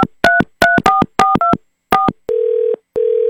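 signal or alarm, telephone dialing tones

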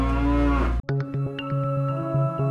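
animal, cow mooing

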